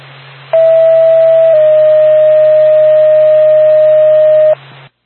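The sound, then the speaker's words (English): A loud, steady ambulance dispatch paging alert tone for the Lancaster ambulance sounds for about four seconds, shifting slightly in pitch partway through, over a low background hum of radio static. “NORPAC, Lancaster, ambulance, standby for tone.”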